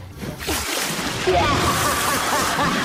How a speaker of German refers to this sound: Na, was gibt's da Schöneres, als die Decke unterm Arm zu klemmen und ab ins Schwimmbad, oder? Dann natürlich sofort aufs Sprungbrett und... Jetzt ist eine fette Arschbombe.